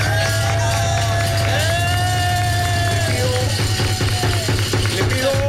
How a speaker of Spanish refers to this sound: Démele un aplauso. Por favor.